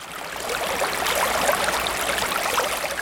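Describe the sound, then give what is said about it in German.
Steady rushing and burbling of a flowing river in Siberia that flows into Lake Baikal, moderately loud, with bright splashing texture continuing evenly throughout and no voices. “Sibirien, ein Fluss, der in den Baikalsee mündet.”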